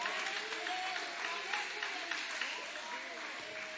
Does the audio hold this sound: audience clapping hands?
yes